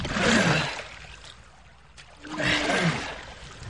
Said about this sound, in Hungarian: Tovább beveznek a nyílt tengeren.